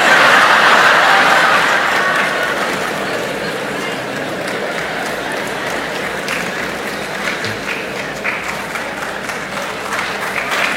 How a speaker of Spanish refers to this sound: Me parece que son las mujeres que están aplaudiendo.